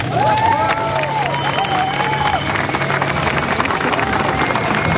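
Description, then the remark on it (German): Steady applause from an audience for everyone who went to Erfurt, a dense wash of clapping that holds at a constant loud level for the full five seconds, with faint crowd murmur and a few brief tonal whistles early on. “Einen großen Applaus für alle, die in Erfurt waren.”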